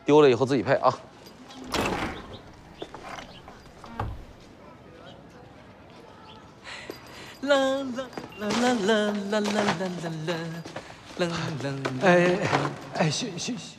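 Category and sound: household object, door being opened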